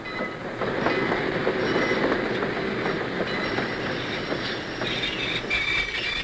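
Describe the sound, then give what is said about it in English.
A train arriving at a station rumbles steadily, its wheels clattering and squealing faintly over the tracks as it rolls in, with a continuous broad roar and no voices. “I'd like you all to be perfectly quiet until they come down the train steps.”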